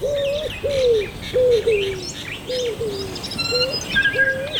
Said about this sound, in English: Whoa, those are bird sounds. I can hear the manu, the birds. Can you hear the manu e te kaipāmu? Ai rā, I can hear the manu. Oh, the manu flew away.